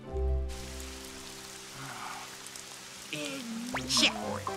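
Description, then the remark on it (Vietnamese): Heavy rain falls in a steady hiss throughout, with sustained musical tones underneath and a few brief, sliding vocal-like sounds near the end. “Trời mưa to quá.”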